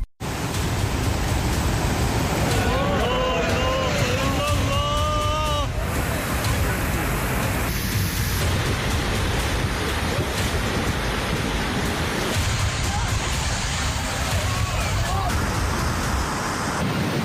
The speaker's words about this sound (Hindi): जम्मू कश्मीर में बारिश के बाद कई इलाकों में अचानक आई बाढ़ ने तबाही मचा दी है। अभी पानी और आ रहा है इसमें। कहीं सड़कें पानी में बह गईं तो कहीं तेज बहाव अपने साथ खेत, गाड़ियां और रास्ते तक बहा ले गया।